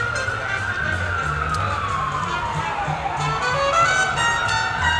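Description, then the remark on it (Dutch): An ambulance siren in New York wails steadily with a slow, sweeping rise and fall, clearly audible against a constant low city rumble, as if passing by on the streets. “En heel toepasselijk, er doorheen ook nog weer de ambulance.”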